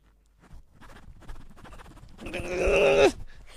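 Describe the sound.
A voice imitates a zipper on an outfit getting stuck for a second, with a quick run of raspy, choppy bursts, then a strained, drawn-out groan as it seems to catch. Fairly loud, with no talking.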